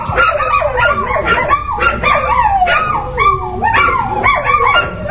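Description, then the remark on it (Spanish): Three dogs bark and yip nonstop, their high, whining calls overlapping and rising and falling in pitch. The loud, frantic chorus fills the whole stretch with no talking. “Yáñez indicó que la situación le ha impedido incluso sacar a su gato a la calle, producto del comportamiento de los tres canes.”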